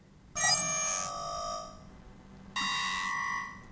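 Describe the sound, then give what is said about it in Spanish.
An alarm clock rings in two loud electronic bursts, a long tone followed by a pause and then a second burst, with no voices. “¿Qué le pasa a esta alarma hoy?”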